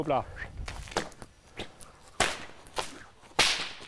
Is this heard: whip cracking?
yes